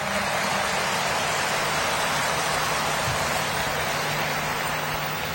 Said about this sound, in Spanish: Peregrinos de Misiones Argentina y otras peregrinaciones presentes también desde Luque, desde Fernando de la Mora, desde Villeta, quienes comparten con nosotros este hermoso domingo. Para todos ellos, feliz domingo y un fuerte aplauso.